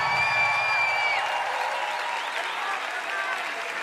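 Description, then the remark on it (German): Sustained audience applause from a crowd, dense and steady throughout, with a high whistle-like tone early on and faint voices mixed into the clapping, given for the mountain rescuers and firefighters. “Deswegen fetten Applaus für die Bergretter.”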